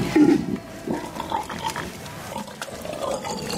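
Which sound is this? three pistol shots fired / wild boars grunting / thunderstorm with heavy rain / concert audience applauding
wild boars grunting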